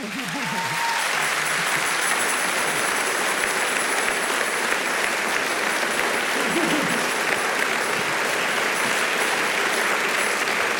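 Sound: audience applause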